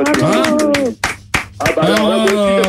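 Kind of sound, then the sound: human body sound, one person clapping hands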